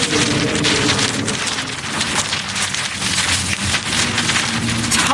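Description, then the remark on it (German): A large kite flown on a line over a zoo meadow rattles and flaps in strong wind, a steady, loud rush of noise broken by rapid fluttering bursts, continuous for several seconds with no voices. “Der knattert und flattert.”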